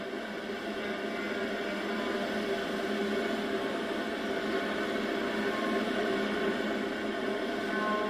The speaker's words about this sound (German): Sie könnte der Beginn von Beethovens 9. oder Bruckners 4. sein, ein orchestrales Collegno-Rauschen, aber stellt sich als etwas anderes als das Einatmen von einer musikalischen Entfaltung heraus. Fast statisch scheint es.